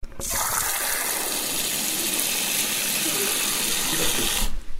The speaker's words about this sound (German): Wasserhahn.